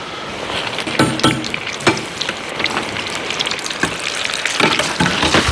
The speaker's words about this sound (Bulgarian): Така, и докато се пържат последните битерболени, ще взема един шалот.